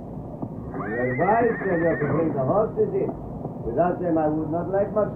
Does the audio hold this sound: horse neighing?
yes